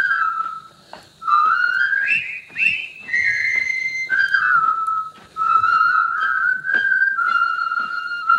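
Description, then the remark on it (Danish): A jaunty marching tune from the 1957 film The Bridge on the River Kwai, whistled clearly and steadily, its melody rising and falling in phrases with brief pauses between them, with no talking over it. “Det er fløjte... scenen fra floden eller broen over floden Kwai, som er en gammel film fra 57 med Alec Guinness i hovedrollen, som handler om de her stoiske britiske tilfangetagende soldater”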